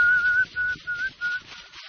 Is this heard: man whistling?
yes